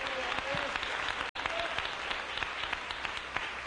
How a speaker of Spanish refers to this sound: Dele un aplauso al rey en esta preciosa mañana. Aleluya.